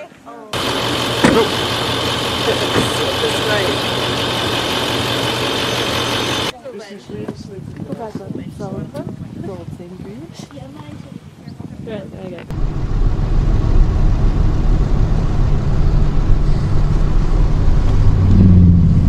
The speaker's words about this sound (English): Wow, he's pulling a travel trailer and a boat. I've seen that before. Wow. It makes you happy.